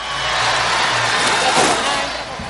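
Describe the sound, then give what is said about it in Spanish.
A stadium crowd applauding Daniel Ajut, the Veracruz-born player who scored twice, as he leaves the match in a substitution. A dense, steady wash of clapping holds for a couple of seconds over a low rumble, then eases off slightly at the end. “Se va Daniel Ajut y vamos a escuchar al público con el aplauso, se ve el veracruzano, autor de doblete.”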